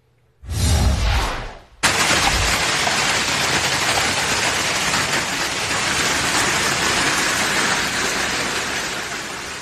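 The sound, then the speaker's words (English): Hail and heavy rain pound down in a dense, steady roar after a brief gusty whoosh at the start, loud throughout with no voices, as strong storms push through just outside Baton Rouge, Louisiana. “My goodness gracious, look at that hail coming down in Louisiana.”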